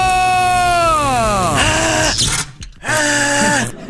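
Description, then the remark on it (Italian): A buzzing electric shock from an electric chair crackles loudly while a feeble, wavering scream slides downward in pitch, breaks off, then returns as a short strained cry over the steady hum. “Per questo si becca una bella scossa dalla nostra sedia elettrica.”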